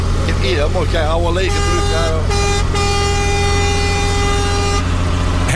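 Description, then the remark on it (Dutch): A 1980s truck's loud air horn blares in a long, steady multi-tone blast lasting several seconds, with brief voices and engine rumble just before it starts. “Hoor hem. Oh, geweldig, dat geluid. Jongen. Back to the 80s.”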